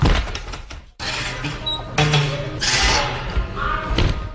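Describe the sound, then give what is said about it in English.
The door of the Spotted Cat on Frenchman Street thuds shut with a rattling clatter, followed by a few more knocks and bumps as it settles, over faint background murmur. “That was the door of Spotted Cat on Frenchman Street.”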